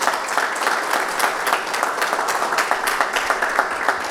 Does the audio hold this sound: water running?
no